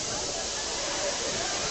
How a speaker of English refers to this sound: Rain has started back here.